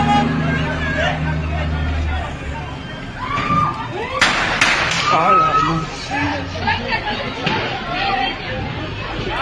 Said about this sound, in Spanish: Después de echarse lámina como si sus autos fueran Transformers, uno de los involucrados sacó su pistola y le propinó varios balazos a su enemigo.